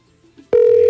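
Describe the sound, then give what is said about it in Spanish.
After half a second of near silence, a loud steady electronic phone tone starts abruptly and holds at a single pitch, the ringing tone of an outgoing call to a woman from TikTok, with no voices present. “¿Estás llamando a la de TikTok?”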